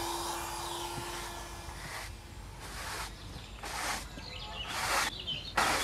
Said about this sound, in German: Mitten im Wald geht nichts ohne Staubsauger.